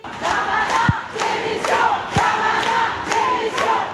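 protest crowd chanting

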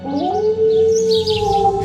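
wolf howling

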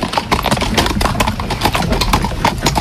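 horse hooves clip-clopping

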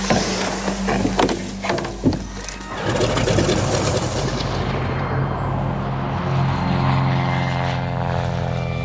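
propeller airplane flying

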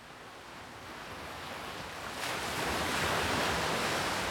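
ocean waves

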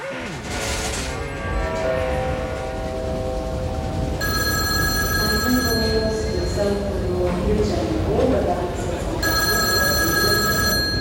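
landline telephone ringing

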